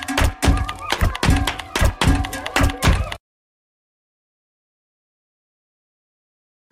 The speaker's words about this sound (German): du kannst auf meiner Computertastatur Geräusche machen. Mach ich, Conny Computer. Ihr seht zwar etwas benämmert dabei aus, aber klingt gar nicht schlecht. Da klatsche ich doch gleich mal im Takt dazu.